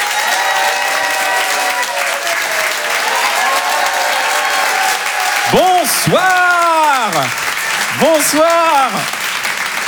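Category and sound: crowd, audience applauding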